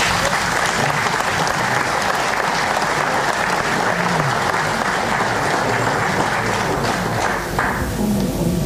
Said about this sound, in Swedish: Då så. En applåd till.